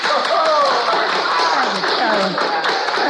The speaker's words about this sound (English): Thank y'all for that applause.